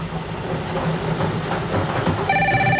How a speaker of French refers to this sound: Le téléphone sonne.